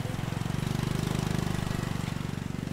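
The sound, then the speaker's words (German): A moped engine runs steadily, its low, rapid putter pulsing evenly throughout without any voices. “Viele der täglich 7000 Besucher kommen ganz praktisch mit dem Moped.”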